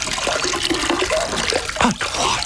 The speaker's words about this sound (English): And now I'll put the cloth into the clear water. And with a mere wave of my hand, you will see a small measure of my power. Watch as I remove the blue cloth from the clear water.